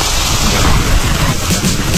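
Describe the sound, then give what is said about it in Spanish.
Heavy rain pours down in a steady, dense hiss, with low rumbling thunder rolling underneath throughout. No voices, just the continuous roar of a storm. “Cuando llueve fuerte y se inunda las calles”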